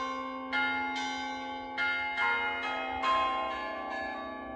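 Church bells ring overhead in Loučka u Vizovic in a steady, overlapping peal, each resonant strike blooming into a long shimmering hum that layers over the last. Full, with no voices.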